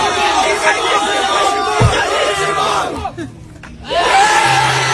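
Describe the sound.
A crowd yells and cheers together, shouting "kiss your mom" at a back-to-school tradition for freshmen, many voices overlapping into a loud, continuous roar that briefly dips before surging back up just as strongly.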